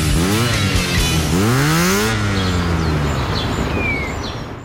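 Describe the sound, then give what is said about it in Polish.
A Honda motorcycle engine revs hard twice in close succession, its pitch climbing each time, then settles into a lower idle that gradually fades, with faint bird chirps near the end. “Honda D&D, autoryzowany salon i serwis motocykli.”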